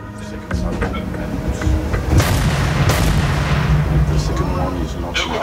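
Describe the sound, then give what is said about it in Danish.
A frigate's large gun fires a shell during a firing exercise off North Zealand: a sudden heavy blast, then a second sharp crack about a second later, trailing into rumble over a constant loud background hum. “Og man står jo der og ved, lige om lidt, så skal den der store granat flyve afsted, og man ved ikke, hvornår det sker.”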